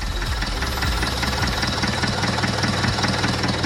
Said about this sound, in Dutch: Het geluid van een vrachtwagen. Ja, dat is een vrachtwagen, een bakwagen eigenlijk.